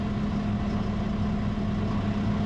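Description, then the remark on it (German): A tractor engine rumbles steadily as the tractor turns more than 90 degrees in a wide curve, a deep, constant drone with a low hum running unbroken throughout and no voices. “Abbiegen mit dem Traktor ist besonders gefährlich.”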